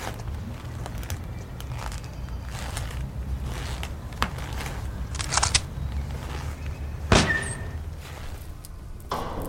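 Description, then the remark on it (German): A large, heavy door that was left ajar is pushed open with a low rumbling drag, scattered clunks, and a sharp, squealing creak near the end, over a steady low hum. “Die große Tür ist nur angelehnt. Na, dann mal los.”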